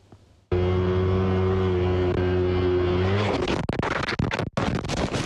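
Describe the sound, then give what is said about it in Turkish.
A steady motorcycle engine, recorded by the rider's helmet camera, drones at high revs, then gives way to harsh scraping, tumbling crashes and rough buffeting noise with brief sudden dropouts as the rider loses control on a bend and the sliding motorcycle overturns and leaves the road. “Kaza anı kask kamerası tarafından kaydedildi.”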